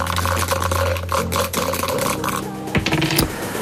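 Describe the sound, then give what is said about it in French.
A pair of dice is thrown in a board game and rattles and clatters across a hard surface in a busy run of small clicks and knocks, steady, with a faint hum beneath and nobody speaking; the dice land on 5 and 1. “Dès que vous me dites top, eh bien nous allons repartir de cette case numéro 10 dès que vous aurez rejeté les dés.”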